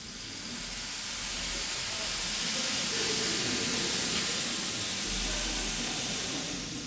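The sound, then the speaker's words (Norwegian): In a trumpet concerto, the percussion section imitates falling rain with a steady, hissing wash, a dense patter of tiny taps and rustles that swells gently and holds for several seconds, filling the auditorium hall. “Og regnet, det har hun lagt i slagverksgruppen denne gangen. Kanskje vi kan vi få et aldri så lite regnvær inne i aulaen?”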